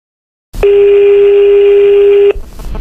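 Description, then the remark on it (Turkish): A single loud, steady telephone tone sounds alone for just under two seconds, then cuts off into faint line noise as an incoming phone call begins. “O arkadaşlardan bir tanesiyle böyle birazcık eğlenceli bir telefon görüşmemiz oldu. Aradı beni, işte bir şarkı sordu, geldi mi elinize, dinlediniz mi falan filan diye.”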